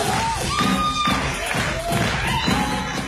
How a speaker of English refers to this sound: Clap, clap, put your hands together! Clap, put your hands together! Ninjas!